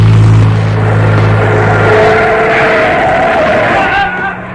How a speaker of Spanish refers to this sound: Vieron que un auto con los faros apagados se aproxima vertiginosamente hacia el capitán. ¡Cuidado! ¡Lo va a atropellar!